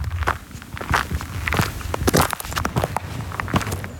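Steady footsteps crunching on a macadam gravel road at the Črni kav trailhead above the village of Javorje, at the start of a 50-minute walk, a regular walking rhythm of gritty steps with faint low rumble beneath, no talking.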